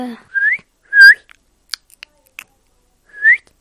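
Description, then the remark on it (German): A Minecraft parrot calls with three short, rising whistled chirps, separated by faint clicking and ticking sounds, with no talking. “Was ist es für ein Vogel? Papagei.”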